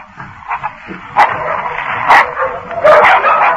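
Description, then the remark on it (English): Several dogs snarl and yelp in a frantic scuffle as they attack a man, with a steady growling din punctuated by four or five sharp, loud barks. “Before they arrived, the dogs renewed their attack on Drury.”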